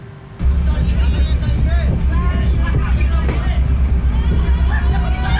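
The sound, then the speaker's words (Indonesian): Panicked passengers shouting and clamoring in agitated babble aboard a burning ferry from Padang Bai, Bali, to Lembar, Lombok, in the Lombok Strait, over a steady low engine rumble, continuous and loud. “Kepanikan penumpang terjadi saat mengetahui kebakaran di kapal yang mereka tumpangi, yaitu KMP Putri Yasmin jurusan Padang Bai Bali menuju Lembar Lombok.”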